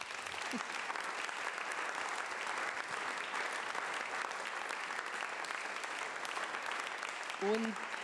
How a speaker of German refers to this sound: Einen Applaus für Thomas Doss.